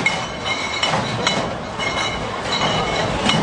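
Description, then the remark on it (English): Heavy beer mugs clink together again and again at Oktoberfest in Munich, Germany, sharp glassy knocks ringing out over a dense, roaring crowd din. “Oktoberfest has kicked off today in Munich, Germany, with many mugs clinking.”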